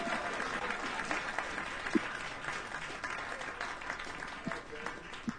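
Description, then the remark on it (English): Steady applause from a small crowd for a person being introduced, a dense wash of many hands clapping at moderate loudness, with a few sharper individual claps standing out. “How about a hand for”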